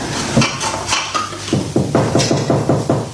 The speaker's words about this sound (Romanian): Ah, să mă apuc să spăl și vasele astea.